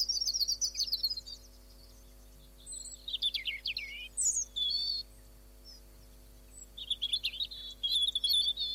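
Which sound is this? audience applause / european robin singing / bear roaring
european robin singing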